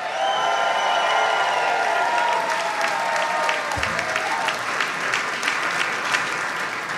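A sold-out live audience at a Free at Noon show applauds loudly and steadily, dense clapping mixed with whoops and cheers, sustained for several seconds without fading.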